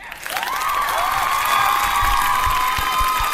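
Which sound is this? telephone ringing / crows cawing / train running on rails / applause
applause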